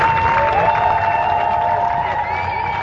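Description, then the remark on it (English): Supporters cheer steadily and loudly for a few seconds as Keir Starmer leaves 10 Downing Street for the last time as prime minister, a dense wash of many voices with some high whistles and shouts rising above the roar. “Supporters of his cheer as he leaves 10 Downing for the last time as prime minister.”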